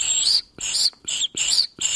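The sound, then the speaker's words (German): Several high, airy whistling tones made by blowing into a tube of dried pasta, like a pan flute, repeated in short breathy bursts with brief gaps between them; each tone is piercing and bright with a hissy edge. “wenn ich reinpuste, das klingt cool, so ein richtig hoher, pfeifender Ton”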